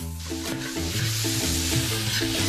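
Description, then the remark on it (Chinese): Steady sizzling of cucumber and tomato being stir-fried over high heat in a hot wok with goose gizzards and pineapple, with the scrape of stirring throughout, under a layer of melodic background music and no talking. “锅中倒入底油，将鹅胗煸炒至焦黄，倒入菠萝，大火翻炒至出汁，加入少许白糖提鲜去腥，少许盐提味儿，开大火加入黄瓜和番茄翻炒均匀。”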